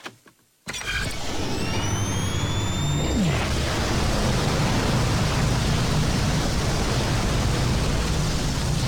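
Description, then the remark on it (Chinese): A brief silence, then a sci-fi wormhole whoosh, marking a wormhole opening a space-time link, bursts in loud: a dense rushing roar with rising whistling sweeps at first, settling into a steady churning hiss that lasts to the end. “虫洞就位，时空连线已开启。”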